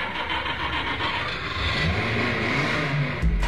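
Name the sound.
car engine revving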